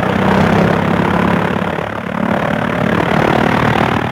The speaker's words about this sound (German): Der Motor rattert, knattert, huppt, jetzt steigt das Flugzeug in die Luft. Bald ist es 1000 Meter hoch, kaum sieht man da die Erde noch.